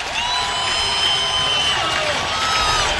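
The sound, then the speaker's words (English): A large stadium crowd at a Nebraska Huskers baseball game against the Hawkeyes at Hawks Field rises to its feet, cheering and roaring steadily for three seconds, a dense wall of voices with scattered whoops and shrill shouts rising above the din, with two outs and two strikes. “Crowd to their feet.”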